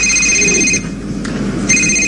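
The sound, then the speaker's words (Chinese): A telephone rings in two bright electronic bursts separated by a short pause, loud, with no one speaking; the call is from the father-in-law. “哟，岳父打电话来了，赶紧跟他老人家解释一下。”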